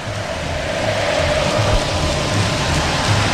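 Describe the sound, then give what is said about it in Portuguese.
São Paulo fans chant together at the Morumbi stadium during a football match, singing that São Paulo is a feeling that will never end, in a steady, dense roar with low thumping beats repeating through it and no single voice standing out. “Carla Alves, e a torcida vem junto, ouça o torcedor do Morumbi.”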